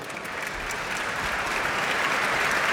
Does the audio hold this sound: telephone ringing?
no